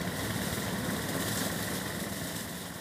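The engine of a small homemade lawnmower runs steadily at a constant idle-like drone, fairly loud, with a dense rumbling texture and no pauses or voices for the whole stretch, doing the fine cutting along the 25-kilometre rail line from Zeven to Wildstedt.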